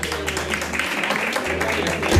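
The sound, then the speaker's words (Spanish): A steady burst of audience applause for a group of women guests, a dense wash of many hands clapping at even loudness for a couple of seconds, with a low hum underneath. “Y este aplauso es para ellas. Venga, un fuerte aplauso.”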